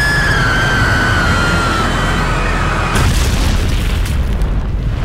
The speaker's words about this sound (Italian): Il pilota ha preferito passare la carta igienica al collega e far precipitare l'aereo.